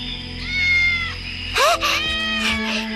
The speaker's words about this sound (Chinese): 奶奶，你听，好像有小猫叫。哪来的小猫？喵喵，小咪咪，你在哪儿呢？